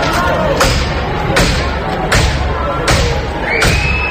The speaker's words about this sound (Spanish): Este es el momento en el que la policía ha reventado hace 2 minutos la puerta del portal de Mari Carmen